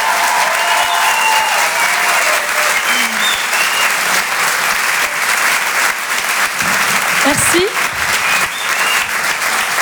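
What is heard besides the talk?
audience applause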